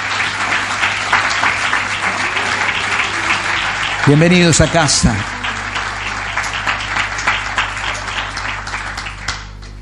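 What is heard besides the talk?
audience applause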